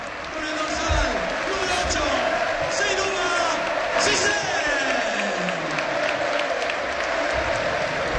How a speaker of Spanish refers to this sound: El aplauso ahora es Jolín Donado, es un jugador querido en Butarque